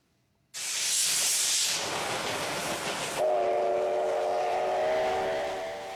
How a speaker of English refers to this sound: We shift now to Western Japan, where the operator of a steam locomotive has conducted a test run as the popular engine prepares for a comeback following a six-year break.